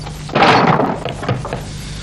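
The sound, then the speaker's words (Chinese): Heavy thuds on a wooden door as someone demands it be opened, one loud booming blow followed by a couple of softer knocks, with no voices. “开门，开门！快快快开门，快开门！来人了！快开门啊！”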